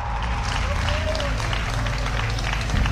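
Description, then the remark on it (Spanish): An audience claps steadily for about three seconds, a dense, even wash of many hands, with a faint murmur of voices mixed in beneath the applause. “Que le dé un fuerte aplauso a aquel que ha dicho, para morir nacimos.”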